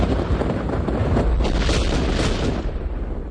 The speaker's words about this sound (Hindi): ग्यारह मई सन 1857 को बहादुर शाह जफर को नवीन भारत का सर्वसम्मति से बादशाह निश्चित किया गया और उन्हें 21 तोपों की सलामी भी दी गई।